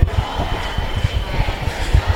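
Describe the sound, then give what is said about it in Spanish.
A crowd shouting together outside, chanting for fascists to get out of their neighbourhoods, a dense, loud roar of many voices with rhythmic low thumps pulsing underneath throughout. “Parece que está habiendo alguna provocación más, están gritando la peña fuera.”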